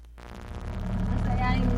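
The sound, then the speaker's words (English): Steady low engine rumble and road noise from inside a moving car, heard from the back seat, swelling slightly louder as it goes, with the muffled voices of parents speaking their family's dialect, Kamapangan, faintly audible beneath the hum. “I'm in the car with my parents.”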